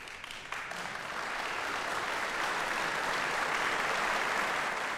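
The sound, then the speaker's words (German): Steady applause from a concert hall audience in Bremen, Germany, for a pianist after her performance of a piano sonata; dense and continuous clapping that swells slightly after the first half second and holds at full strength, with no voices over it. “Hier kommt also jetzt noch der Beifall des Bremer Publikums.”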